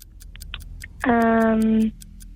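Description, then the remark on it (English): A quiz countdown clock set to 60 seconds ticks steadily and quickly throughout, joined midway by a loud, sustained buzzing tone lasting under a second before the ticking carries on alone. “60 seconds on the clock.”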